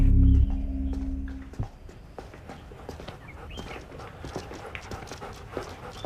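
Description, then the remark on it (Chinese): A police dog moves around, paws tapping in a quick, irregular patter with soft panting breaths, after a brief low rumble at the start; no one speaks. “放心放心，警犬他不咬你啊，没事没事，别怕别怕。”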